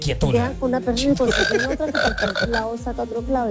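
A toad croaks in a steady run of rapid, throaty pulses, loud, repeating with a bubbly rhythm for a few seconds with no other sounds around it.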